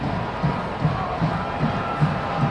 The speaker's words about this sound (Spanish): Y la gente le aplaude a sus chamacas, felices porque no están quedando atrás.